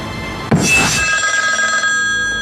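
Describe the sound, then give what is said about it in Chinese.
An old-style telephone bell rings with a sudden metallic strike, then a bright, sustained jangling ring that gradually fades, with no voices over it. “我接个电话。”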